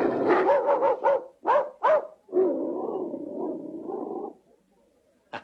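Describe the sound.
A person's voice imitates a dog, loud: a quick run of yapping barks, two sharper single barks, then a long, wavering growl-like howl that trails off.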